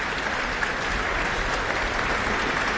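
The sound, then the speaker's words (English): Sustained applause at an Auckland Philharmonia Orchestra concert, orchestra musicians applauding conductor Elena Schwartz along with the audience, a dense, steady wash of clapping at moderate loudness, with no voices standing out. “They're responding to her with applause themselves.”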